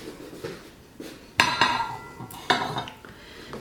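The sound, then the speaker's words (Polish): Ceramic plates clatter as deep soup plates are set down and stacked on top of flat dinner plates while laying a table, a few sharp clinks with ringing tails among softer knocks, with no one speaking. “Więc ja sobie teraz te talerzyki rozłożę i na nich ustawię sobie talerze głębokie. Talerz płytki pod spodem, talerz głęboki, ten na zupę na wierzchu.”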